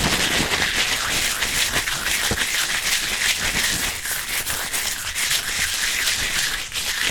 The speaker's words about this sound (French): On commence avec le papier crépon. Si on l'étire, on entend... « Et si on le froisse?